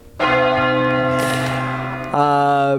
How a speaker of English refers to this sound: I think that's a... Actually, no, that's a big bell.